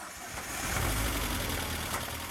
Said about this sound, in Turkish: Tek sorun bu gürültü. Kam olabilir. Hidrolik kaldırıcılar veya her ikisi de olabilir. Ama bir bakmadan bilemeyeceğim.